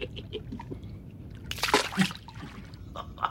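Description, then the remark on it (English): Water splashes and sloshes as someone immerses themselves in a bath, with a burst of louder splashing midway and softer drips and trickles around it. “And to immerse myself in water, oh, do you know what joy this is? No one around here wastes water in this manner.”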